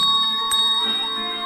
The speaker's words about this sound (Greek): Στις 5 Σεπτεμβρίου του 1922, με το που ξημέρωσε, άκουσα το κουδούνι να χτυπά.